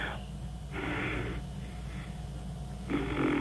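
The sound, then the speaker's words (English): Heavy, rasping breaths, several long airy exhalations in a slow rhythm that come out with a blunt, flatulent sputter. “I love when you're just breathing there and it sounds like you're tooting.”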